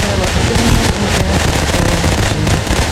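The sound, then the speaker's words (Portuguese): Fireworks being set off by people outside, going off in a loud, continuous barrage of rapid crackles and pops for the full three seconds, with a steady roar underneath and voices faintly mixed in. “Pessoal lá de fora, os fogos agora, os fogos agora.”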